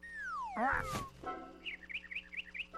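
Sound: parrot chirping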